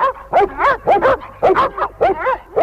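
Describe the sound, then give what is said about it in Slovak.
A pack of dogs, urged on by the names Hektor, Trhan, Rexo and Tiger, barks in a rapid, excited volley as they are set on a chase, about ten sharp barks and yips tumbling over one another, loud with no talking. “Trhan, chyť ho. Na nich, Rexo, tiger, na nich. Nech ich len naháňajú.”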